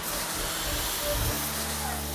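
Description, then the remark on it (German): A powerful water jet from a fire hose sprays out on the outside of a building with a loud, steady rushing hiss, its low rumble shifting briefly partway through but the spray never letting up. “das zeigt auf jeden Fall Wirkung, weil da ist echt jetzt ein Wasserstrahl, der außen austritt.”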